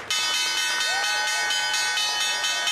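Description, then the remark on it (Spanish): A loud, shrill opening bell at the stock exchange in New York, rung by Secretary of State Marco Rubio, rings steadily for a few seconds, its bright metallic tone pulsing rapidly without a break, with faint crowd noise underneath. “El secretario de Estado, Marco Rubio, tocó la campana de apertura en la Bolsa de Valores.”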